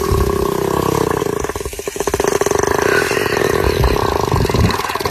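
An elephant fart lasting about 13 seconds: a loud, sustained low rumble with a buzzy, fluttering texture that pulses rapidly and keeps going without a break for the whole stretch.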